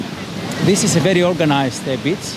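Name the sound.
sea waves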